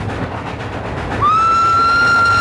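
moving train on rails

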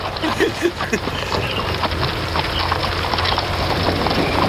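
horse hooves clip-clopping

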